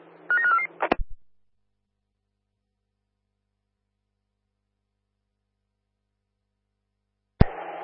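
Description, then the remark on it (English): A brief burst of garbled, warbling radio transmission cuts off with a sharp click, followed by long silence and another squelch click near the end. “Last call sign to Bull Creek. You are unreadable.”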